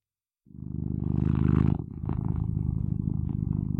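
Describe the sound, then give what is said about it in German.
Lucky, a domestic cat, purrs loudly, a steady rhythmic rumble that starts after a brief moment of silence and continues to the end, with no one speaking. “Und das ist meine Katze Lucky.”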